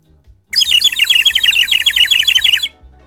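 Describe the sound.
A bird whistle warbles in a rapid, continuous trill of bright chirps for about two seconds, loud, imitating birdsong, with no talking over it.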